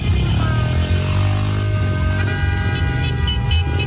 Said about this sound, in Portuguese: que buzinaço é esse, mulher?